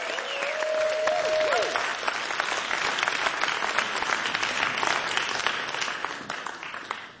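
Sustained audience applause, a dense crackle of many hands clapping at steady volume for several seconds, with a brief sustained tone early on that fades before the clapping tapers off.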